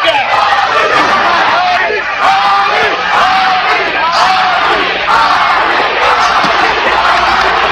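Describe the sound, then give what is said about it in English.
A large boxing crowd at the Ali–Holmes fight screams and chants "Ali, Ali" during the ninth round, a dense, loud roar of many voices with individual shouts rising above it, sustained throughout without a break. “Crowd screaming, chanting, Ali, Ali.”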